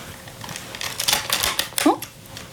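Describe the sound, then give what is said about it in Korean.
A cassette tape case holding a mixtape made from a blank tape is opened: a short run of crisp plastic clicks and rattles, one after another, ending with a sharper snap as the lid comes open. “안에 테이프 있었네? 공테이프로 만든 믹스테이프라니.”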